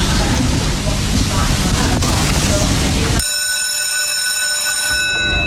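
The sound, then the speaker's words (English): A greyhound track's mechanical hare runs along its rail for race 7 at Dunstall Park with a loud, steady rushing rumble, then a shrill, ringing bell-like buzz abruptly cuts in and holds to the end. “So the hare is on the move for race 7 at Dunstall Park.”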